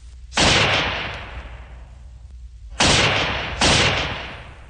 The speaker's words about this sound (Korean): 갑자기 귀척을 찢는 듯한 총소리가 울리며 총알이 머리 위로 지나갔다.